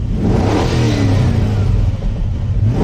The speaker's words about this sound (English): It sounds like a car. Okay, that's not the real sound. They haven't released what the real sound is yet.